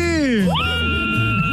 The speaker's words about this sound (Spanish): ¡Échale ese grito fuerte